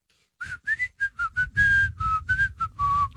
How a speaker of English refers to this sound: Whistle's a sign of happiness, but it annoys Jordan in the back room